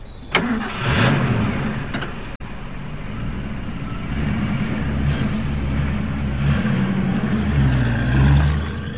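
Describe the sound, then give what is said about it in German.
A military truck loaded with glycerin cranks and catches, then rumbles steadily, its low drone rising and falling as it revs and pulls away from a military base, loud throughout with no voices. “LKW hat den Stützpunkt verlassen.”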